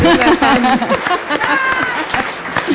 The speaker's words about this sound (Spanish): Un aplauso para ella. ¡Bravo!